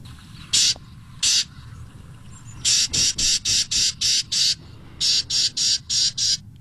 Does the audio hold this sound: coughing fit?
no